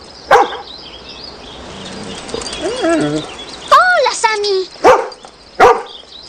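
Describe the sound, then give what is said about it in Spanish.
A dog barks sharply, one bark near the start and two more near the end, while a person's voice speaks in between. “¿Y a ti qué te pasa, perro tonto? ¿No ves que se trata de Hallie?”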